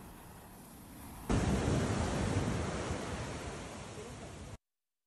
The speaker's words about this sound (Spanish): Las autoridades mantienen el llamado a continuar con las precauciones y de protección civil precisamente en la población ante lo que vemos en pantalla, alto oleaje e inundaciones.